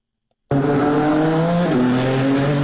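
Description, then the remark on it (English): After a brief silence, race car engines in the Freedom 250 Grand Prix burst into a loud, sustained roar along the streets of the Capitol, their high revving whine holding steady and then dropping in pitch partway through as a gear shifts. “Oh, a lot of horsepower roaring along the streets of the Capitol for the first time.”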